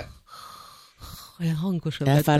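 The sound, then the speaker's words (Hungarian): A person imitates the soft, sleepy, non-snoring breathing of someone asleep: two airy, drawn-out breaths, followed by brief voiced, sing-song sounds. “hallottam, ahogy szuszog. Olyan kis cukint. Jó, az nem horkolva, nem horkolva, csak olyan...”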